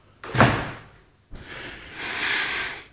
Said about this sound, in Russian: Так вот, дверь прикроем.